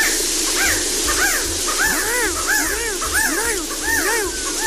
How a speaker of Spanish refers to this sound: Hace un sonido bien peculiar el quetzalix, aquí te lo voy a poner bien.